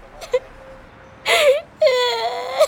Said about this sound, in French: … pleure de trottoir en trottoir.